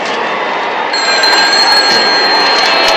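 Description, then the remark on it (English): A telephone rings with a steady, high-pitched tone that starts about a second in and continues to the end, sitting over a loud, constant wash of background noise. “Phone to you, Madison.”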